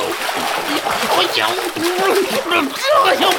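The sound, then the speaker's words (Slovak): A loud splash as someone jumps into cold water, followed by continuous sloshing and churning, with a voice crying out over the turbulent water. “A skočil do vody.”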